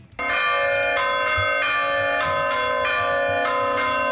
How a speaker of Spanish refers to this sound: Las protagonistas son las campanas de Villava.